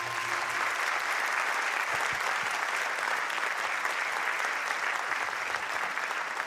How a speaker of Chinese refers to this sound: 感谢大家掌声哦，谢谢大家。